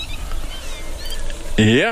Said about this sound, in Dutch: En die grutto die gaat nu achter die kraai aan. Ja, je hoort nu gelijk paniek.